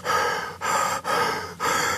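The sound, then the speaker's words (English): A man breathing heavily in a video he filmed of himself walking towards a tiger: four loud, raspy breaths following one another in quick succession, separated only by brief catches. No one speaks. “Those were almost literally his final breaths.”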